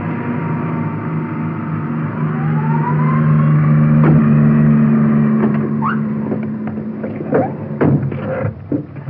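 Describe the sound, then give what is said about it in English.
An ambulance carrying a woman for a checkup pulls away, its engine droning low and steady while a rising tone sweeps up through the sound. Scattered knocks and clatter come through toward the end. No one speaks. “There she goes. Sitting up in the ambulance waving goodbye, blowing kisses to us.”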